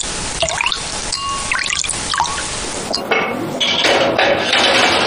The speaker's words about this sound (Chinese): 再次倒入高汤，入锅蒸制一小时，把酸菜的酸香一点点地喂进卤肉